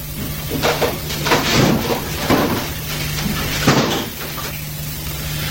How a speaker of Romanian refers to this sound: Ha, stai! Deschide ușa de la terasă. Vreau să cobor puțin în grădină.